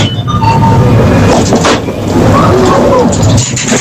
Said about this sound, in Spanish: Una máquina de dispensar, sí, alimentos, refrescos, ¿no? De vending, hechas pero con monedas.